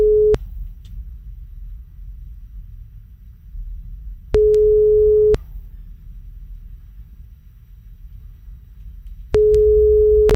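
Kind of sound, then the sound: signal or alarm, phone call tone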